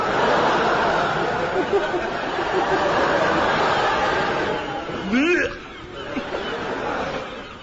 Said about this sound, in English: Hey, look at them pigeons. Pigeons, you idiot, they're gulls.